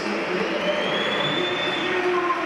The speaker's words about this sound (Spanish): Bueno, yo creo que más aplausos. Hay algún que otro pito, pero… Más aplausos para Vini Junior.